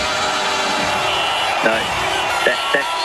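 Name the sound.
applause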